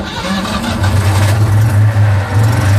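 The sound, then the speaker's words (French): A Citroën 2CV's small engine runs with a low, steady, throbbing putter, briefly building from a lighter note before settling into a loud, even idle with slight pulsing. “La de Deux, le bruit de la de chevaux.”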